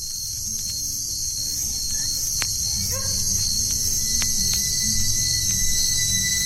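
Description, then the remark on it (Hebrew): A steady, dense chorus of crickets chirping continuously, fairly loud, with a faint low hum underneath and a few sharp clicks scattered throughout. No one speaks. “קצת צרצרים ברקע.”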